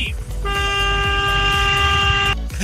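A truck horn sounds one loud, steady toot lasting nearly two seconds, over a low rumble of engine and road noise.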